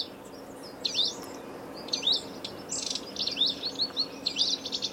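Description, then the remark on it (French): A wallcreeper sings a series of thin, high, whistled phrases that rise and fall, repeating in short bursts over a steady background hiss, with no voices present. “Mon oiseau préféré, c'est le ticot de Romeschlette. C'est un oiseau qu'on peut voir en France, pas que en France, mais en France, qui vit dans les montagnes, qui vit sur les falaises.”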